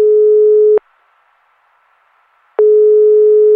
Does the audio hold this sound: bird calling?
no